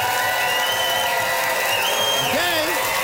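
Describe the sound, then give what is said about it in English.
A crowd cheers loudly and steadily to vote for a contestant's pro-texting stance, a dense roar of voices with shrill whoops and whistles rising and sliding above it, especially toward the end. “Listen to that crowd.”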